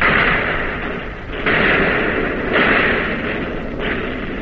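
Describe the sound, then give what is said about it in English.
Warship guns firing in battle, back on target while the ship is being hit: a few heavy booming reports, roughly three, break through a constant loud roaring din at irregular intervals, with no voices. “You're on target again and firing.”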